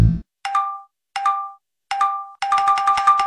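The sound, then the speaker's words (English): Three clear, separate phone notification dings, then a rapid burst of overlapping dings piling up as 47 group chat messages about dinner flood in. The chimes are bright and loud, with no talking. “Okay, who just sent 47 messages about dinner? Check the group chat.”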